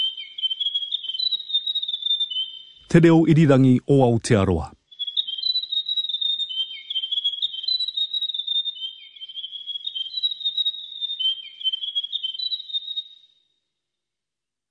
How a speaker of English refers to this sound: The Grey Warbler.